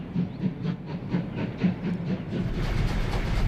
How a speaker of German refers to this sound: Nur ein Dampfzug fährt jährlich noch auf der Moseltalbahn. Unter Volldampf überquert der Sonderzug mit 700 Passagieren an Bord die Gülser Brücke.